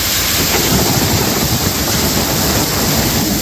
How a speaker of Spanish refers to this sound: Porque las fuertes tormentas como esta de anoche en Valencia han estado descargando buena parte de la noche en toda la costa mediterránea, desde Cataluña hasta Almería.